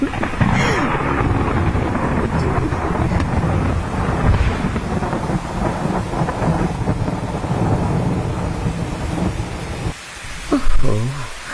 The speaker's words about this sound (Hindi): ये बारिश हो रही है कि प्रलय बरस रही है।